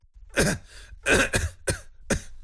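A man riding on a motorcycle coughs right behind another rider in several harsh, chesty bursts, fairly loud, with brief pauses between the hacks and no talking.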